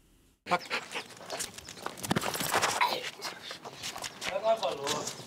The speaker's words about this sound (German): Schäferhund Clip ist im Angriffsmodus.